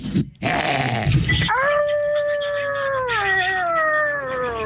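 Dogs howl: after a brief burst of rough, noisy yelping, one long, sustained howl rises and holds steady, sagging slightly in pitch as it carries on to the end.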